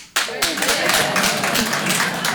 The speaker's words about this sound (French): Alors par applaudissement, faites du bruit. Est-ce qu'il y a des Marocains dans la salle ce soir ?